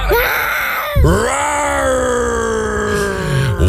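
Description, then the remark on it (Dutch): A person roars loudly in imitation of a lion, one of the roars sent in by listeners to a radio show: a short bellow that breaks off, then a long, strained, sustained roar with a wavering pitch that cuts off abruptly near the end. “Nou, dit zijn een paar brullen die binnen zijn gekomen.”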